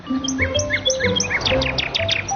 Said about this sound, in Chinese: 这个声音，鸟儿好像很着急。快去看看。 在那里。是蛇。